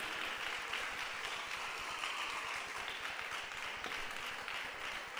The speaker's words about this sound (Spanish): Démosle un aplauso al Rey con todo el corazón.